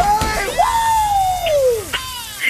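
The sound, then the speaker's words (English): A person lets out a long, excited scream that holds a high pitch and then slides downward, loud, with some background noise around it. “You just you don't have to scream as much as me.”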